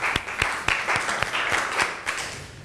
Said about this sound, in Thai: ค่ะถูกต้องนะคะขอเสียงปรบมือให้เพื่อนหน่อยค่ะ